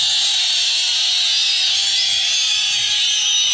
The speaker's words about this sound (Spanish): Y ahora sí, bien fuerte, bien fuerte. El silbido de todos los atorrantes presentes en esta noche.